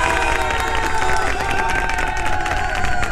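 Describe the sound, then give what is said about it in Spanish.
A steady wash of applause and cheering sound effect, played on Radio Disney, fills the whole stretch, loud and continuous with clapping and shouts blending into a dense, bright roar. “Aquí Radio Disney les manda un aplauso, fuercitas también para que continúen con este super lunes de la mejor manera.”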